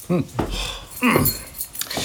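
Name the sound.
keys jangling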